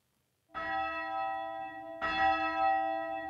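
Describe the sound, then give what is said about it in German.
A bell in a 20-metre-high, 140-year-old bell tower, rung by radio remote control, rings out loud, two resonant strikes about a second and a half apart, each leaving a long, shimmering metallic hum that overlaps the next. “Früher wurde die Glocke von Hand geläutet.”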